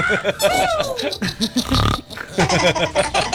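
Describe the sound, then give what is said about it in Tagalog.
A person imitates a pig, letting out a rapid string of loud grunting and snorting noises with a brief burpy squeal in the middle, continuing in choppy bursts. “Baboy nga kukuk.”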